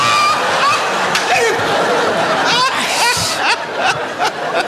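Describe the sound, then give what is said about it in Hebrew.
Water pours steadily into a container for coffee, a continuous close splashing rush, while voices talk and snicker over it. “אז בוא נשים מים. בשביל מה? מים בשביל קפה.”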